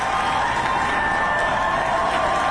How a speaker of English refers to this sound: ICE out, friends. ICE out, rip them out. And you heard the cheering.